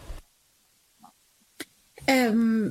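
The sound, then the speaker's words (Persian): Two brief, sharp coughing bursts separated by quiet, followed by a louder, drawn-out voiced throaty sound with a slightly falling pitch. No clear speech. “من ببخشید من به سرفه افتادم تصویرم رفت.”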